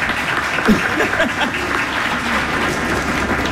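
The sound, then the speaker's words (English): Steady applause from a live, sold-out audience at the Moe and Jack Rouse stage before Cincinnati Shakespeare Company's live performance of Much Ado About Nothing on 91.7 WVXU, a dense crackle of many hands clapping at constant loudness throughout, with faint voices and cheers mixed in. “Tonight, yes, please, clap, yes.”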